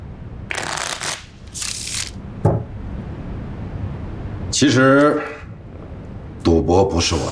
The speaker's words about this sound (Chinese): 我来洗牌，这恐怕不符合规矩吧？